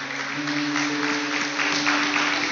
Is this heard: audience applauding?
yes